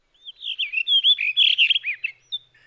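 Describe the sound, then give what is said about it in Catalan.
A blue rock thrush, a bird slightly smaller than a thrush, sings a rich, fluting phrase of warbled whistles and quick chirps that rise and fall, lasting over two seconds before trailing off into a few softer notes. “Ara sentim la mèl·lera, un ocell un poc més petit que un tord.”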